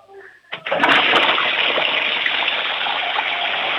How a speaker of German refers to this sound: Ich möchte die Klospülung natürlich hören, weil das wollen ja alle herzeigen in dieser Sendung. Ich hoffe, ihr habt eine laute Klospülung.